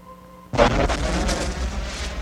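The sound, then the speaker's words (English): A volcanic eruption bursts in abruptly with a loud blast after a short hush, then settles into a heavy, continuous roaring rumble full of deep low-end energy, with no voices. “Now that sphere's creation continues as countless volcanoes spew clouds of gas and steam into the sky from melted mineral formations.”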